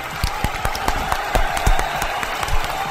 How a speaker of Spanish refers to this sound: ¡Aplauso!